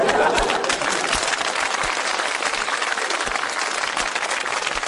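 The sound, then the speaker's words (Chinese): A live audience claps steadily for about five seconds: a dense, sustained wash of many hands clapping at once, fairly loud and even, with no talking over it. “给你鼓掌吧，心里不情愿。嗯，得了，鼓两下吧。”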